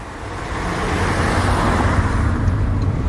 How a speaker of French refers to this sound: Et là, on a pris la voiture obligatoirement parce ouais. que on se rend chez tes parents. C'était un peu la route pour aller au collège, ça.